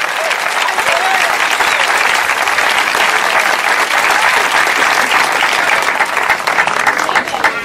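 An audience applauds Christ steadily, a dense, loud wash of many hands clapping that holds at an even level for several seconds without letting up.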